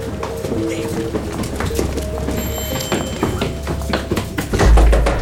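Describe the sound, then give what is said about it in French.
Rapid, heavy footsteps of police officers clatter up a staircase in a hurried run, loud, ending with a booming thud as the door of a hideout is forced open. “Une cavalcade dans l'escalier, des cris, une porte défoncée, des policiers qui pénètrent dans la planque”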